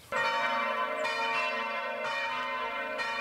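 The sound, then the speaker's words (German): The church bells of Bruchweiler peal all together in a full, resonant ring, their strikes overlapping roughly once a second with long humming overtones, loud and sustained with no voices. “Im Plenum, also alle zusammen, klingen die Glocken von Bruchweiler besonders opulent.”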